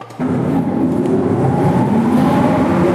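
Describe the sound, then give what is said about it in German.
Old motors of the former ventilation system and power supply in the Artilleriewerk Simserhof, an underground World War II fortification near Bitsch with tunnels up to 30 metres deep, start up and run with a steady, loud mechanical drone, a low rumbling hum with tonal whine layered on top, continuing unbroken without any voices. “Ein paar der Motoren für die ehemalige Entlüftungsanlage und Stromversorgung lassen sich tatsächlich heute noch anschalten im Artilleriewerk Simserhof.”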